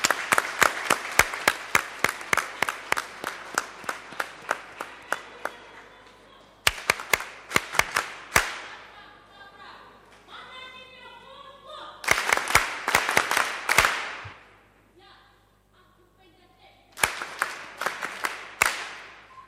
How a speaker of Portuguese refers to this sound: Muito obrigada pelas intervenções. Uma forte salva de palmas para todos.